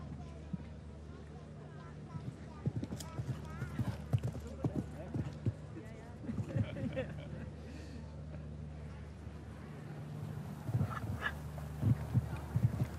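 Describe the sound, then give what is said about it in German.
A show jumping horse gallops across arena footing between turns on the course, its hooves drumming in a steady, rhythmic three-beat pattern of dull thuds, with a commentator speaking over the hoofbeats throughout. “Und ansonsten heißt es Halleluja galoppieren. Und das macht er.”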